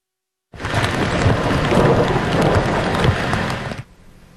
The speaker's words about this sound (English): And this was the scene again this afternoon in Montreal. More heavy downpours continue to saturate already oversaturated land. Rain and thunderstorms will continue throughout this evening.